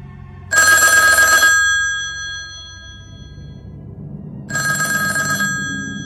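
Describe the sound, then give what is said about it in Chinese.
A telephone rings loudly in two distinct bursts a few seconds apart, its bright, buzzy trill standing out over a low room rumble, with no voices. “还没等谁开口，电话响了。”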